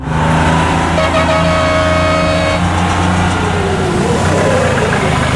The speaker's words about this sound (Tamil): இங்க பாரு, பஸ் வந்துருச்சு.